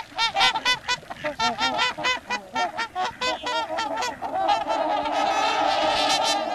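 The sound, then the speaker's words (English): A flock of trumpeter swans, returning to the Pacific Northwest for winter, honks loudly with rapid overlapping calls that swell into a dense, continuous chorus toward the end. No one speaks. “while the larger trumpeter swans return to the Pacific Northwest.”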